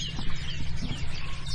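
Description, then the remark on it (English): A wren sings a rapid run of high, bright trills and chirps, fairly soft, over a steady low rumble of background noise, at sunrise. “The wren, isn't it?”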